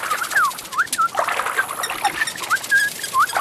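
A small bird chirps repeatedly in quick, bright upward and downward notes while splashing about at the water's edge, the fluttering splashes continuing steadily under the calls.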